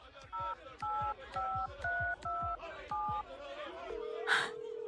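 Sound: telephone keypad dialing tones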